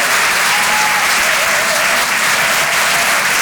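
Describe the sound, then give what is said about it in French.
A crowd at the Rire et Chansons Comedy Club applauds loudly and steadily for a comedian's first performance there, a dense wash of clapping hands that holds at the same level throughout, with no voices standing out. “Merci d'applaudir très fort pour sa première ce soir sur les Réchansons Comedy Club,”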